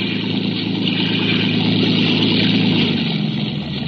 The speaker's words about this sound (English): Speeding toward us was a motor launch filled with men. And with a small boat in tow.